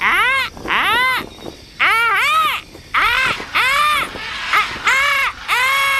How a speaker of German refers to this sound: Und im nächsten Augenblick hat das Fernrohr sie auch schon in den dichten Dschungel gebracht.